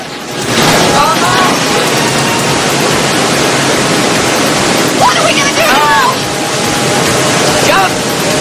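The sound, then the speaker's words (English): A loud, steady roar of river rapids and a waterfall ahead fills the whole stretch, unbroken, as a car floats down the rapids between rocks and trees, with a few brief voices cutting faintly through the torrent. “The rapids pick up, and the pair spot a waterfall up ahead.”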